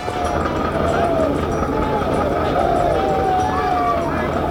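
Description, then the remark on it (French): Troops preparing to charge into an assault shout together: a dense, continuous roar of many men, voices overlapping into a steady loud din with occasional higher cries rising above it, held throughout without a pause. “Les cris que vous entendez sont ceux des troupes qui se préparent à s'élancer à l'assaut.”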